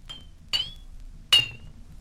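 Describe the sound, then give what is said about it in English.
An empty glass bottle is struck three times, each tap giving a bright ringing ping that decays quickly; the second and third strikes are louder, with no other sounds. “Number 7 was an empty bottle.”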